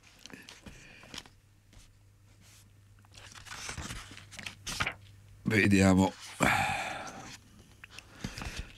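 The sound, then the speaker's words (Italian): Pages of a medical handbook for families are flipped, a few quick papery rustles and crinkles in short bursts, with a voice speaking briefly between them. “l'ho persa la pagina, scusate”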